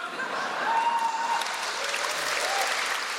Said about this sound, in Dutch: Applaus voor Dimitri Verhulst op de Nacht van de Poëzie 2017.